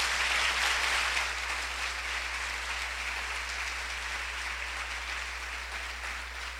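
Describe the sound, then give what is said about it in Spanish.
An audience at an evening concert applauds for Jesus, sustained applause filling the whole stretch, a dense wash of many hands clapping at a steady loud level that eases off only slightly toward the end, with no voices standing out. “El aplauso para Jesús, el Señor.”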